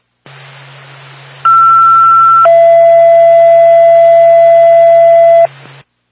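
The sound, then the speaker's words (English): Fire dispatch alert tones from Twin State dispatch to the Bethlehem Fire Department, for a smoke detector activation at 339 Prospect Street in Bethlehem, over a radio channel: a steady one-second tone, then a longer, louder tone lasting about three seconds, set against a hiss of radio static that cuts off afterward. “Stand by for tone.”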